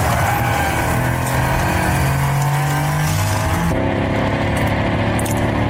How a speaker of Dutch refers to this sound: Dat klinkt... dat kennen we van voor het elektronische tijdperk. Dat klinkt als een verbrandingsmotor. Dat klinkt als een V8. Ja. Maar het is een elektromotor.